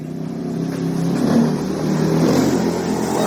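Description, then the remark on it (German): A motorcycle engine drones steadily, its pitch rising and falling slightly as it revs and rides along unpaved, sandy roads toward a settlement on the edge of town, with no voices over it. “steigt Givasoa Rakutuarivu auf sein Motorrad”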